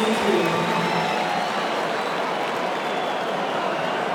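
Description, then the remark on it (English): A stadium crowd of 59,725 cheers Bailey Smith's score in a dense, sustained roar that holds steady and loud for the whole stretch, with no distinct voices standing out from the wash of noise. “Crowd. No one's happier with his score than the Cots.”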